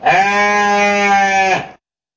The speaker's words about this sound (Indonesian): Perasaan tuh kambing mbeknya pendek dah.